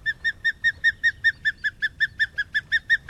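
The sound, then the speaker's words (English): An osprey calls in a rapid, evenly paced string of about sixteen short, high whistled chirps, each note bright and clear, with no voices and only a soft low rumble underneath. “To the untrained eye, the osprey looks just like a bird of prey should.”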